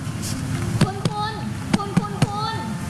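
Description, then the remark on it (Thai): Hands pat firmly on both shoulders of an unconscious patient to check responsiveness: five crisp slaps arriving in two quick bursts, two and then three, over a soft background murmur with faint voices. “ทำการประเมินความรู้สึกตัวของผู้ป่วยโดยการเรียกและใช้มือตบไปที่ไหล่ของผู้ป่วยทั้งสองข้างค่ะ”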